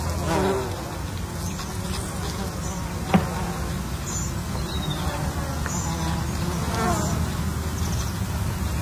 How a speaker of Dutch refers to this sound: wandelt bij de Mui op Texel en ziet de hommels en bijen op de bloeiende watermunt. Ook veel vlinders die daar fourageren, maar het zijn natuurlijk de bijen die zich laten horen. En een hijgende hond tussendoor, geloof ik.